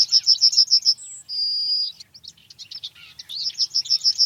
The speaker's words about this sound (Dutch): En tijdens een wandeling in de buurt van het museum hoort de verslaggever die geelgors. We gaan even luisteren.